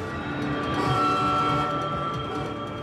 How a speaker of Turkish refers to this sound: Şimdi raylardan çekilip trenin geçmesine izin vermemiz gerekiyor.